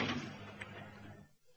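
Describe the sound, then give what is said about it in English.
A heavy door opens with a sharp, loud burst at the start, then a low rumbling resonance that gradually fades out over about a second, with no voices. “The door.”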